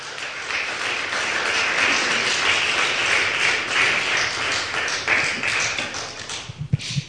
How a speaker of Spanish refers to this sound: ¿Cuántos dicen gloria a Dios? Un aplauso, eso.